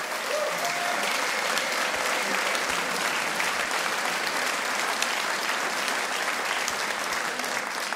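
An audience claps steadily for several seconds, a dense, even wash of many hands with no voices rising above it and no break in the sound.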